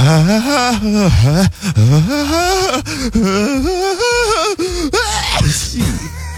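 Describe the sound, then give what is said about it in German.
An exaggerated, operatic sneeze of the opera-singer type, which always builds up big: a loud voice swoops through long sung wails and gasping build-ups for several seconds before a breathy burst near the end. “Hier zum Beispiel, das wäre die Spezies Opernsänger. Die bauen im Nieser quasi immer groß auf.”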